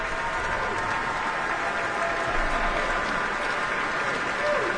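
Sustained applause from a large concert audience at the final concert of the 2025-2026 season, as music director Stefan Deneuve has the chorus and orchestra rise, a dense, steady wash of clapping that stays loud and even throughout without pause, with no music playing.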